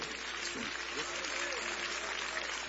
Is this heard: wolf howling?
no